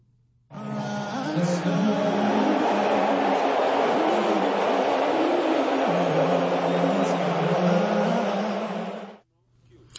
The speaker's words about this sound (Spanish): Lo que acabamos de escuchar fueron los abucheos que recibió ayer el presidente de Estados Unidos, Donald Trump, durante su visita al Madison Square Garden, recinto al que asistió para presenciar el tercer partido de las finales de la NBA